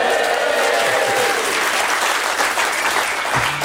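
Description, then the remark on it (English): A crowd in the Newscast tent at Hay applauds steadily and loudly, a dense wash of many hands clapping at once with no pauses, sustained for the whole few seconds. “I'm going to make you clap a lot because normally I just sit in that studio by myself.”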